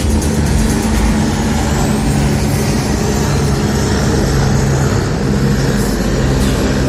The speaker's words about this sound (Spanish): Simulacro sector Avenida Argentina, Salvador Reyes, a ver. Ahí está el helicóptero.